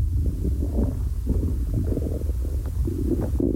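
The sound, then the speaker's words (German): A hungry stomach growls in a long, low gurgling rumble that churns steadily for a few seconds, fairly loud, heard through a half-open door, with no voices. “Ihr hört bestimmt meinen Magen knurren durch die halb geöffnete Tür.”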